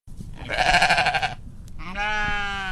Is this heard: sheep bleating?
yes